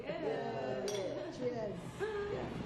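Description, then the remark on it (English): Glasses clink together in a toast, two bright chiming taps with a short ring, while voices murmur and talk in the background. “Let's toast.”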